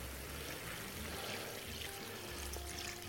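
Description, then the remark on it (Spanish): A little water pours steadily into a hot pan of food cooked with white wine, a continuous splashing, bubbling stream that runs the full length, fairly loud, with a faint sizzle underneath and no talking. “Voy a añadirle un poquito de agua.”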